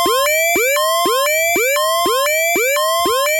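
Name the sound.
alarm siren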